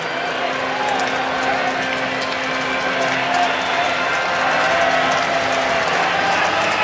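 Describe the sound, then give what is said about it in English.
A baseball stadium crowd of Ole Miss fans cheers and applauds, coming to their feet to get behind Taylor Rabe with two down and a runner on second, in a steady, dense roar that holds at an even, fairly loud level throughout, with a faint tonal hum running underneath. “Ole Miss fans kind of coming to their feet here, trying to get behind Taylor Rabe.”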